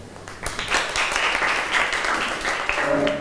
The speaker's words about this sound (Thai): ขอเชิญตัวแทนได้เลยปรบมือให้เพื่อนหน่อยค่ะ